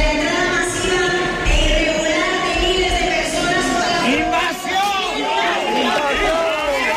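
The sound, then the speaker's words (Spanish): Hundreds of protesters in Castellón, Spain, shout and chant together in loud, overlapping voices, crying "invasión" as they interrupt a manifesto read by the Partido Popular mayor, a steady roar of many people with rising and falling cries and no pause in the noise. “Cientos de personas interrumpían así el manifiesto que leía la alcaldesa del Partido Popular al grito de invasión.”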